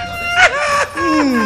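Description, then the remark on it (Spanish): A baby whimpers and cries, a few wavering, rising-and-falling wails in quick succession, fairly loud, with a brief catch between them. “Un nene.”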